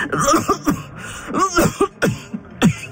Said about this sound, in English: Her coughing had gotten worse, but that night in the mess hall was more concerning than ever.